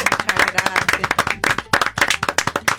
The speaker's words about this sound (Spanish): Vamos a pedirle un fuerte aplauso a la barra para recibir a …, señores. ¡Bravo! ¡Bravo!